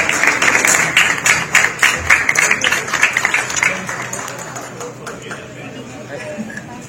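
Audience applause fills the space, dense rapid clapping that is loud at first and then gradually thins and fades over several seconds, with faint crowd murmur underneath.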